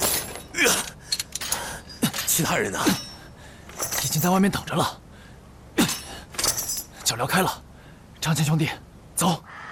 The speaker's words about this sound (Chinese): 张骞兄弟，来，我给你砸开脚镣，我们赶快趁乱逃吧。